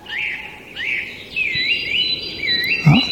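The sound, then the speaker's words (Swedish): Whooper swans call in a run of wavering, bugling notes, repeated phrase after phrase, with a faint low rustle underneath and no one speaking, in a streamside forest with many fallen trees. “Nej, det är kanske sångsvan snarare som låter faktiskt.”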